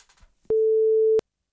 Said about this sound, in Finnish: Mulla on nimittäin tässä nyt kesäbiisi bongauskilpailun voittajan numero. Mä oon sen tonne näpytellyt valmiiksi. Eiköhän kuule paineta vihreitä luuria ja koiteta saada kisaaja linjoille ja tota noin, niin kerrotaan ilouutiset.